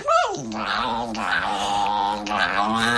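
A dog growls steadily for about three seconds as a woman tries to cut its nails, a continuous rumbling snarl with a whiny, rising edge at the start, like an engine struggling to turn over.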